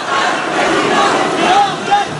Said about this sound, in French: Qu'est-ce qui s'est passé dans la tête de Marine Le Pen, assise au premier rang vendredi, quand Jordan Bardella a laissé le public crier des Jordan président ?